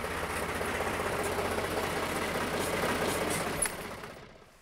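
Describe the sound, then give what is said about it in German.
A heavy slurry tanker truck engine runs steadily with a deep, rumbling low-frequency drone and rhythmic knocking pulses as the truck squeezes through a tight gap at a zoo to pump out a clogged drain in the elephant enclosure, holding constant loudness before fading out at the end. “Ist ein Güllewagen breiter als ein Elefant?”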